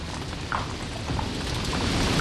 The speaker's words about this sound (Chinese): 大弟，下雨了。